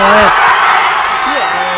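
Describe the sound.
A dense crowd of football fans in the Plaza Roja roars loudly and continuously, many voices shouting together at once as the players embrace on the pitch after extra time, with a few individual yells rising and falling above the steady wash of cheering.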